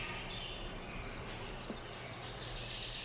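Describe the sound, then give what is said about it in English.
Quiet forest ambience with a steady background hiss and faint, high bird calls, brightening briefly toward the end, with no voices. “How monotonous the sounds of the forest would be if the music came only from the top 10 birds.”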